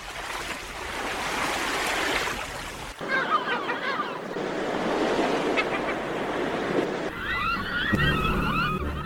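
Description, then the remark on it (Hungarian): Sea waves surge and wash continuously against the foot of rocky cliffs, a loud, rushing roar that swells and breaks, with high cries of birds calling over the surf at times. “Hol kék a tenger, s sziklák tövében szirtihabok járják vidám táncukat.”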